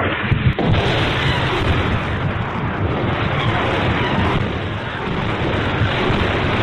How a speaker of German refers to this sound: Nachts hörten wir oft die Explosionen von Grad-Raketen.